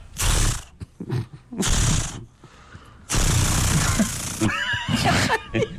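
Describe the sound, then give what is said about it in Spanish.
Someone vocally imitates, as a special effect, the pull-start of a pretend Acme-brand chainsaw: three loud, raspy bursts of rough, sputtering noise, the last one longer, trailing into a strained, wavering whine like an engine that won't catch. “sonando bueno el intento de encendido.”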